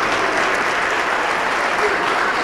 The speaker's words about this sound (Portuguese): Vamos aplaudir mais, está chegando mais gente. Olha que coisa linda. E está chegando mais.